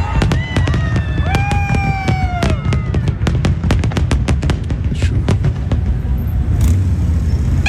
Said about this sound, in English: We're just going to see the fireworks portion of the NBC feed.